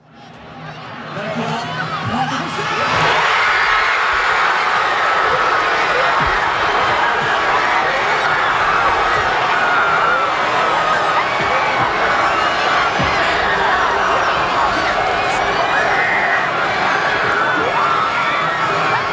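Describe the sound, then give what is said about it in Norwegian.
A large crowd in Bragernes Torg town square erupts into loud, sustained cheering and shouting after Erling Braut Haaland scores his second goal of the evening, the roar swelling within the first couple of seconds and holding steady with overlapping excited voices and whoops. “Det var altså da Erling Braut Haaland satt inn sitt andre mål for kvelden. Folk bare mistet det.”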